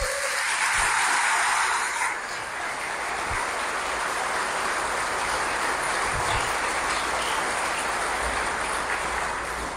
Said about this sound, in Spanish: Un aplauso a Dios.